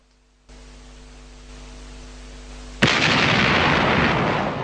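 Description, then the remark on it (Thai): A low, steady hum gives way to a single sudden, loud explosion boom, followed by a sustained roaring rumble that lingers and slowly eases off. No one speaks. “เสียงบึ้มดังสะเทือนขึ้นอีกครั้ง”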